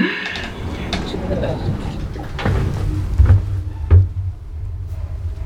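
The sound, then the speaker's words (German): A heavy door closes with a dull low thud, followed by a second knock-like bump as it settles, set against a faint rumbling room tone. “Tür schließt.”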